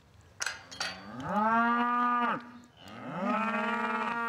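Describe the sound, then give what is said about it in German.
An ear-tagged cow moos twice in long, drawn-out, low bellows, each rising then holding steady before breaking off, with a couple of brief clunks at the start and no talking. “alle Ohrmarken und hinter den Nummern ist eigentlich alles hinterlegt von jeder Kuh.”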